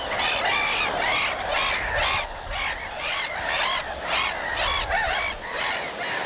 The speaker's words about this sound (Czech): Tak pozor, pozor, kamarádi, 3, 2, 1, je to Racek. Výborně, slyšíme Racka.